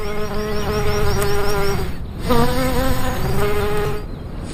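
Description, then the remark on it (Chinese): A large furry bee, about twice the size of a honeybee, buzzes loudly in flight among flowers on a high-mountain scree slope, its deep droning hum wavering in pitch as it moves, with a brief dip before the buzzing resumes. “花朵听到它巨大的嗡嗡声，就会加速生产花蜜，就像是传说中的芝麻开门一样。”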